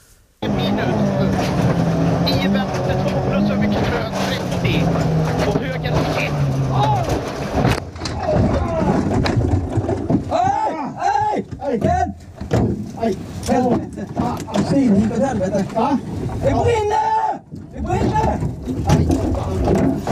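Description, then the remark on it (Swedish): A rally car's engine drones and drops in pitch, then a loud crunching crash hits at once as the car, its steering column broken, drives straight into a tree during the Swedish Championship (SM). Excited, agitated voices follow over lingering rumbling noise. “Jag tänkte att vi skulle ta och lyssna på den där gången när du kör rakt in i ett träd”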